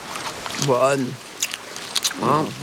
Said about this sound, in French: Il cueille avec soin une feuille d'eucalyptus, la renifle, puis en croque un morceau.